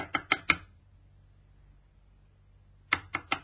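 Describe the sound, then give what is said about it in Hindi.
A young woman knocks on a door: a quick series of four sharp raps, a pause of about two seconds, then another burst of four knocks, clear with no voices. “सुनो जी, कोई दरवाजा खटखटा रहा है, देखो ना कौन है।”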